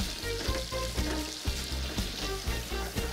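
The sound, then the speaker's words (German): Browned butter sizzles and crackles steadily in a hot frying pan in which meat was just fried, a dense hiss with small rhythmic pops and bumps, no voices. “Ja, und in der Pfanne bei mir jetzt, wo das Fleisch gebraten wurde, habe ich jetzt hier so eine schöne braune Butter gemacht.”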